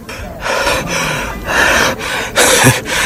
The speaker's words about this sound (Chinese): 喘息着顽强地站了起来。